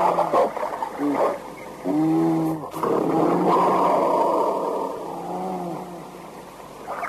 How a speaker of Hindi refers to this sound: और ये भालू घुस गया कमरे में, बंद करो दरवाजा, बंद कर दिया भालू, बंद कर दिया। अरे ये था भालू, इतना मोटा बाप रे, अनेक भालू पीछे हट जाए।